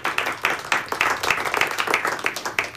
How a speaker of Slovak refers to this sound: Áno, môže znieť potlesk, potešíme sa.